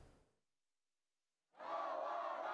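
After a brief fade and a second of silence, protesters holding placards and South Korean and US flags outside the Jamsil 7-dong 2nd polling station in Seoul, on local election day after a ballot shortage, suddenly start chanting slogans together, a loud, dense wall of voices that holds steady to the end.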